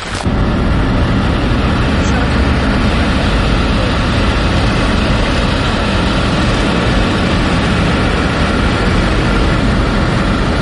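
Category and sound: vehicle, vehicle engine driving away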